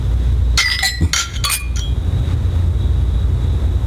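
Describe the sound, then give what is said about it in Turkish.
Glasses clink together in a toast, a quick cluster of bright ringing taps, followed by a lingering high tone over a low steady background hum. “Hem kalırsa da sevinirim. Şerefe.”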